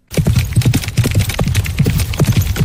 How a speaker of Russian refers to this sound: Бега не надо путать со скачками. Отличие в аллюре, или, если проще, в походке лошади. Рысью бегают именно рысаки. А на скачках трехтактный галоп.